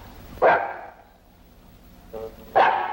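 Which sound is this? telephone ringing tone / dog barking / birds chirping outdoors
dog barking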